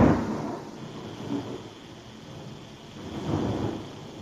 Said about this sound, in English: You hear that one? Yes. Usually when you hear the thunder, the lightning is happening.